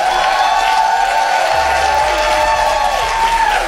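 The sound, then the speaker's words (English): The audience of the 20th anniversary special of the new Donnie McClurkin Show applauds loudly and steadily while voices shout and cheer, a dense, continuous wash of clapping and high-pitched screams with no pauses. “Put those hands together and scream.”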